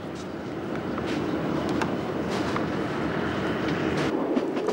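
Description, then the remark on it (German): A narrow-gauge train of the Corsican railway rumbles steadily along the rails in Corsica, with a continuous low roar and faint rhythmic clatter of wheels, heard as if from on board, with no voices. “Man kann ein wenig darüber meditieren, wie eine Eisenbahn oft das exakte Modell ist für die Verhältnisse eines Landes.”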